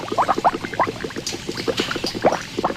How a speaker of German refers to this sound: Bis die Maggi-Würze in den Kesseln blubbert. Ihr Aroma erinnert an Liebstöckel, fortan auch Maggi-Kraut genannt, obwohl es in Maggi gar nicht vorkommt.